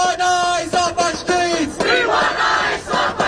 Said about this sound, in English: Hundreds of protesters in Manhattan's Herald Square shouting, "We want ICE off the streets."